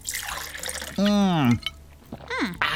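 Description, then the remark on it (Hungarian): Fresh water splashes and pours for a moment, followed by drawn-out voiced sounds and a short gulping, drinking noise, with a faint splash at the end. “Áj, de finom, friss víz.”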